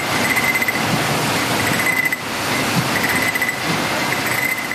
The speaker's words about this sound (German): Zum Schluss werden die Gläser durch eine Maschine geschleust und die kontrolliert jedes einzelne Marmeladenglas auf Fehler. Das klingt dann so.